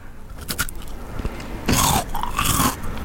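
A loud crunch as someone takes a third and final bite of a dry cracker using a different part of the teeth, followed by a burst of crackly chewing with brittle snapping noises. No talking.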